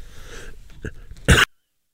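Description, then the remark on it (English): A single sharp, loud cough bursts out after a moment of quiet breathy noise, then the sound cuts to silence. “Had to cough there.”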